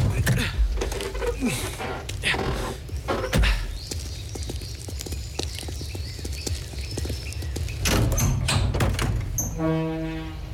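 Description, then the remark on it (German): A vehicle's rear door is unlatched and swung open to check sacks inside, with a run of heavy clunks and metallic rattles, then a brief steady tone at the very end. “Machen Sie einfach hinten die Tür auf und lassen Sie uns einen Blick auf die Säcke werfen.”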